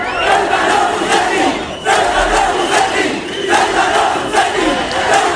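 Hundreds of protesters surround the hotel in Ceuta where visiting government ministers are staying. They shout a repeated chant of "traidor" (traitor) at Minister Torres in loud, rhythmic bursts, the massed voices rising and falling with short dips between phrases.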